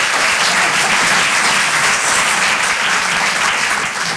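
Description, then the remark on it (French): An audience applauds steadily for about four seconds, a dense, even wash of many hands clapping at once with no pauses and no voices standing out. “Ah, vous hésitez à applaudir, vous êtes ravis.”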